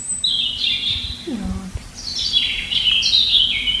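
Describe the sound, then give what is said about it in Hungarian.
A European robin song played from a bird-sound board: high, thin warbling phrases in several bursts, fairly clear, with a slightly boxy quality. A brief low voice murmurs once midway. “Igen, nézzük, igen, akkor igen, a vörösbegy.”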